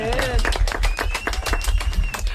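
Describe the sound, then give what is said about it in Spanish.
Loud applause from a group, a dense, steady patter of claps filling the whole stretch, with a faint high whistle-like tone and a brief voice sound at the start. “Muy bien, fuerte aplaudimiento.”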